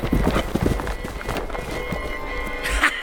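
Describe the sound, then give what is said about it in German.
Several horses gallop, their hooves thudding in a fast, uneven rhythm, with a brief whinny or snort near the end, as the young Herzbruder charges up with five more horses. “Und indem mein Herr Profoss uns mit dem Tod bedrohete und also nötigte, samt ihm durchzugehen, jagte der junge Herzbruder mit noch 5 Pferden und grüßte ihn mit seiner Pistole.”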